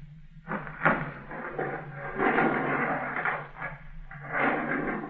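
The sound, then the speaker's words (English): A door is pulled open with a run of scraping, rattling clatter in several uneven bursts over a few seconds, moderately loud, with no one speaking. “Pull the door open.”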